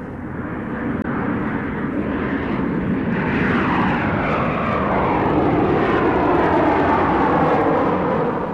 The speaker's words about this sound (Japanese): ジェット飛行機の音なのだ。